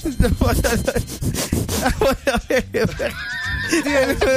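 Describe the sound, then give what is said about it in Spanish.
Someone imitates a dog sniffing with quick, breathy snuffling bursts, then a short voiced, whine-like sound at the end. “Ya, lo termino de olfatear otro poquito, jefe.”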